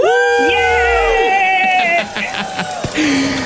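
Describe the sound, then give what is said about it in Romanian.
A few voices on a Digi FM radio show let out a loud, sustained joyful scream together, celebrating a listener winning an air conditioner; it holds about two seconds before breaking into shorter, excited yells and whoops. “Hai să țipăm toți trei odată în cor.”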